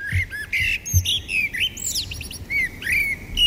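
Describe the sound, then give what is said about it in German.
Several birds chirp and sing together in a lively overlapping chorus of bright whistles and trills, continuous throughout, with a faint low rumble underneath and no voices. “Ja, sobald die Vögel zwitschern, wissen wir, der Frühling kommt.”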